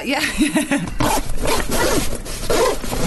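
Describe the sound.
A run of short, raspy zipper pulls in quick bursts as gym bag compartments are opened bit by bit, with wavering voice-like sounds underneath.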